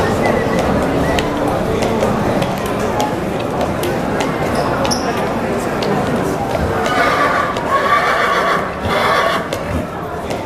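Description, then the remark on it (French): About thirty ridden horses, well groomed with roses in their manes, whinny amid a steady clatter of hooves on the pavement of a main street in a historic town centre, with a crowd lining the street murmuring throughout; a louder neigh rises near the end. “On est dans une des rues principales du centre historique et il y a une trentaine de chevaliers. Les chevaux sont toutes bien peignés avec des roses sur la crinière et les gens y restent au bord de la rue pour admirer les chevaliers.”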